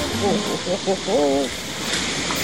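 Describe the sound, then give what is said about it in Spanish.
Water rushes past under a bridge, a steady broad hiss that never lets up, while a voice speaks briefly over it near the start. “Lo que usted escucha es el sonido de un puente. El agua que pasa por el puente.”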